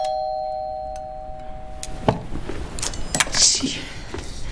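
A door is opened: after a fading chime, a latch clunks and the door rattles open with a few sharp knocks and a soft whoosh near the end.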